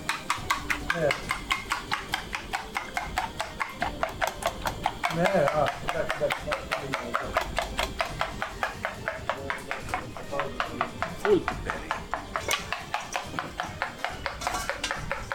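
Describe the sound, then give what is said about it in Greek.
Rapid, steady clicking of a whisk or fork beating four eggs against a bowl, continuous for the whole stretch, with a few brief murmurs of voices in the background. “Να χτυπήσω εγώ τα αυγά.”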